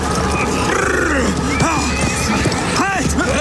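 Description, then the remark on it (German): A horse whinnies loudly as its rider forcibly stops it, a shrill rising and falling neigh, with hooves clopping and thick background noise throughout. “Gewaltsam stoppte er sein Pferd.”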